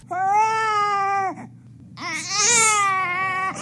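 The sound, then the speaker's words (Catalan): A baby cries in two loud, drawn-out wails separated by a short pause, the second rising and wavering in pitch, clear with no other voices. “Aquest bebè fa ue, u-e, accent greu.”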